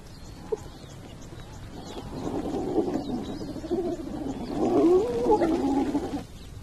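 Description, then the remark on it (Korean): Hyenas rush in after a lion leaves and squabble over its leftover carcass, with a rising chorus of growls, groans and wavering cries that swells midway, then cuts off. Faint birdsong sits in the background. “사자가 떠난 후 하이에나들이 달려들죠.”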